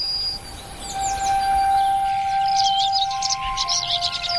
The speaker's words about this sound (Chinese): 黎明伴有一种独特的音乐，鸟鸣。全世界的鸟都全心投入的歌唱，这是黎明的合唱。